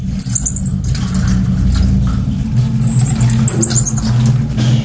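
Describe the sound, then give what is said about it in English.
A tiny marmoset monkey, in a cage zipped up inside a bag in the luggage bay of a London bus, gives thin, high-pitched squeaky chirps in a few short bursts, sounding muffled, while a loud, steady vehicle engine rumbles underneath throughout. “Inside was a little monkey, a tiny marmoset in a cage zipped up inside the bag.”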